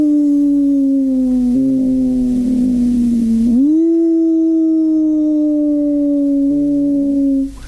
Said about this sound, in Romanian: Auzi? Da. Să buciume tulnicele.